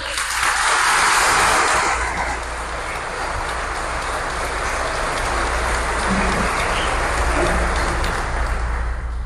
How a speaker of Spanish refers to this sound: Un aplauso a Dios.